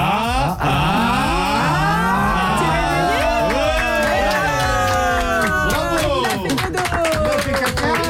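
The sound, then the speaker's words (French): A studio audience doing a wave cheers and whoops together in a loud, sustained swell of many overlapping voices, with scattered claps and shouts rising and falling across the crowd. “On lui fait une hola.”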